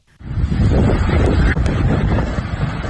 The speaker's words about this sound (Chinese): 7月6号晚，一场雷暴大风突袭黄冈市黄州区，20分钟的狂风暴雨导致市区多处行道树连片倒伏，电线杆拦腰折断，山部房屋损毁。